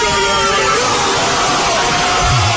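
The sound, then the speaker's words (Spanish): A dense, loud football crowd roars and shouts continuously as Iniesta shoots after a pass from Fábregas, with a rising swell of excited yelling and cheering that stays at full volume for a couple of seconds. “El que lo narraba era …, los que lo gritaban eran todos los demás, ¿vale?”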